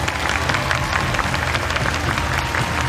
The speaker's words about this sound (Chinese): 接下来请大家响起热情的掌声，让我们欢迎本场节目的点评嘉宾